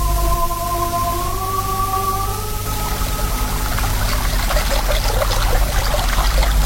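Water of a river in a valley trickles and babbles steadily, growing livelier after a few seconds, while a faint sustained hum lingers at the start and fades away.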